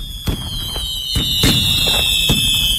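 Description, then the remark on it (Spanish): Fireworks bursting at midnight over the city on the first day of Expo 92, in a rapid series of sharp booms and pops, some loud, others fainter, over a steady high whistling tone and crowd-like background rumble. “Son las 12 de la noche y los fuegos artificiales iluminan el cielo de la ciudad.”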